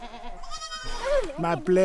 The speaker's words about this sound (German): Er hat mehr als 100 Ziegen. Sein Sohn kümmert sich um sie